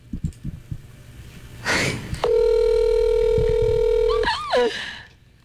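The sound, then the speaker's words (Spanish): A phone's ringback tone sounds as one steady, loud electronic hum lasting about two seconds, then ends in a brief warbling blip. Light tapping and rustling come just before it. “Está sonando.”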